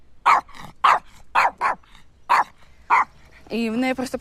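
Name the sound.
dog barking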